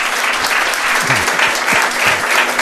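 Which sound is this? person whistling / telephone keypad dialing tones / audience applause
audience applause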